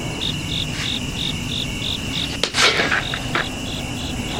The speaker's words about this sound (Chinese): 蚊子，没打着，这回打着。